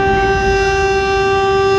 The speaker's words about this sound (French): À midi pile d'abord. Puis 10 minutes après, une deuxième sirène retentit.